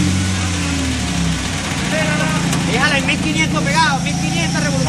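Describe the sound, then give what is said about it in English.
A truck engine runs with a steady, loud low drone and a slight rise in revs as it pulls on a metal gate tied to it, while rescue crew members shout and call out over it in the background. “And they rush back to work, trying to remove the metal gate by tying it to a truck.”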